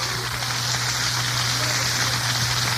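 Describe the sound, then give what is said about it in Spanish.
An audience at a Spanish-language church service applauds the Lord at night: a dense, steady crackle of many hands clapping at once that holds evenly from start to finish, with a low constant hum underneath. “Den un aplauso al Señor fuerte esta noche.”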